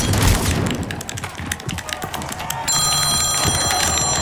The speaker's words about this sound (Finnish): Mutsi soittaa.